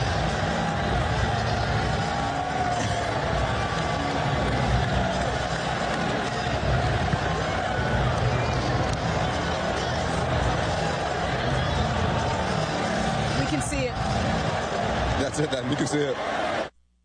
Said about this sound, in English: That long break, you can hear the Knicks fans, and there were a ton of them in the building, by the way, cheering in the background.